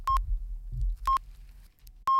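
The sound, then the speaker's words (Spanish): Three short, evenly spaced high beeps about a second apart, the pips of a radio time signal marking 4 p.m. before the news on Canal Sur Radio and Radio Andalucía Información in Andalucía, over a low hum with no talking. “Mira que justo con los pitidos.”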